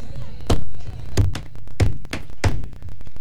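Four evenly spaced, solid knocks on a door, each a dull thud with a sharp edge, about two-thirds of a second apart, over a steady low background rumble.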